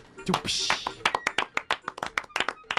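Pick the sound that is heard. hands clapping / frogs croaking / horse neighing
hands clapping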